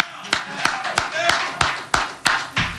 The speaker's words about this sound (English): We clap for Jose. I know a lot of you guys can't because you're in the media and you got to be neutral, but I'm going to clap for Jose.